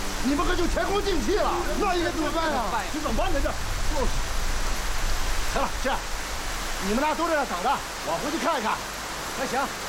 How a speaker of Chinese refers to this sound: 你别急啊，这么大雨，村里没事吧？